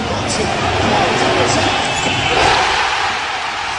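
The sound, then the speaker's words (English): A large crowd at the Madison Square Garden watch party roars and cheers loudly and continuously, reacting to Jalen Brunson's corner three for the Knicks, a dense wash of many voices with brief higher shouts rising above the din. “And in case you were wondering, this is how the crowd reacted at the Madison Square Garden watch party to that bucket.”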